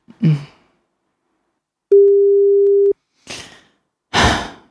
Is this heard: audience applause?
no